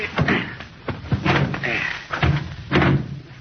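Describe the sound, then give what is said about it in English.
A car door is opened and slammed shut as people get aboard, with a few loud thumps and clunks in quick succession and a faint murmur of voices in the background. “Well, somebody open the door.”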